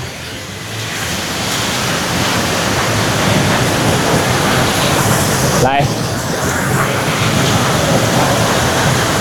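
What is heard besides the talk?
waterfall rushing water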